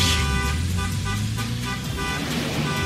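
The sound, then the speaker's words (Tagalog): Car horns blare over the steady rumble of traffic, several sustained toots overlapping and continuing throughout, loud, with no voices. “Traffic na ba ang atong kadalanan?”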